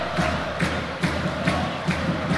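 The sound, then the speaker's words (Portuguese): Roller hockey supporters of Caos Barcelense and Claque do Hóquei de Braga chant and cheer at the Municipal de Barcelos during a Minho derby, a dense, continuous roar punctuated by steady rhythmic thumps about twice per second that keep the chant's beat throughout. “A festa, tanto da Caos Barcelense como da Claque do Hóquei de Braga, a fazerem-se ouvir.”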